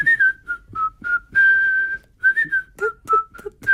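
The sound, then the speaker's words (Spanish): Someone whistles a melody while tidying a studio, moving through a string of short notes and one long sustained tone, with brief pauses between phrases and no talking. “Pero bueno, si además de silbar estás ordenando el estudio”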